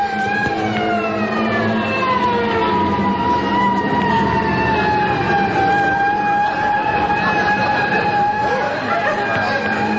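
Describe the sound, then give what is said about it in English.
A fire engine siren wails continuously, its high tone sliding slowly in pitch and holding strong and steady for the full ten seconds over a low engine rumble, with no voices. “Why, I could put out this fire with a handful of water just before those guys get here.”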